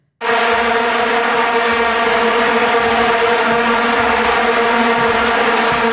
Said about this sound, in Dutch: Dat waren die vuvuzela's, die plastic toeters die wereldwijd bekend geraakt zijn toen door het WK daar.